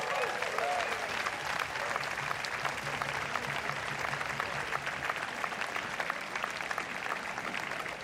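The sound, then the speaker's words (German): An audience at a big band concert claps steadily for about eight seconds for a musician who stepped in at short notice, a dense, even wash of many hands with no voices standing out, holding a fairly constant level throughout. “Ganz herzlichen Applaus für Sandro.”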